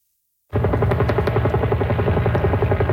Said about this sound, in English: The sound of helicopters dropping water on a wildfire that broke out inside a regional park about 40 kilometers east of downtown Vancouver. Fire is currently out of control.